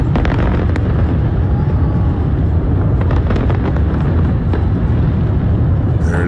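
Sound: fireworks exploding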